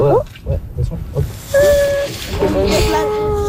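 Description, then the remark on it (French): A male animal sprays a forceful jet of mixed urine and water with a loud, steady hissing rush that starts midway and continues to the end, thin whistling tones riding over it, after brief voices at the start. “Le jet qu'il est en train de faire, en fait, c'est un mix d'urine et d'eau.”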